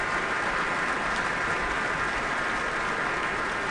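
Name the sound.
audience applause and cheering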